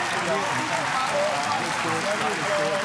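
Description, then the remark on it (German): A crowd applauds a contest winner steadily for the full three seconds, a dense, loud wash of clapping with faint voices and brief tonal snatches mixed underneath. “Deinen Applaus hast du dir verdient und hast du hoffentlich auch genossen.”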